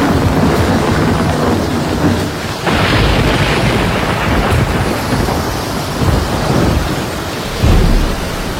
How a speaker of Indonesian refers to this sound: Petir menggelegar sambung menyambung. Air sungai Mahakam bergejolak.